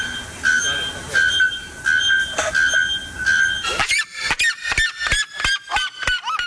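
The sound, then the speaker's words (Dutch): A very loud bird repeats piercing, ringing whistled calls over a noisy background, then switches to a fast series of sharp, metallic clanging notes, about a dozen in quick succession; one of two Brazilian birds, the naaktkeelklokvogel (bare-throated bellbird) or the kuifsirima, contenders for loudest bird in the world, reaching over 120 decibels. “De Volkskrant schrijft vandaag over 2 vogels... die kans maken op de titel luidste vogel ter wereld. Het gaat om de naaktkeelklokvogel en de kuifsirima uit Brazilië.”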